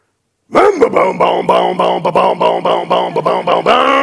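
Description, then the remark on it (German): Someone vocally imitates a two-stroke chainsaw starting: a rising pull, then a steady run of buzzy, rhythmic sputters at a fairly even pitch, loud throughout, ending in a sustained tone. “Achtung, wir starten die Zweitakter-Kettensäge.”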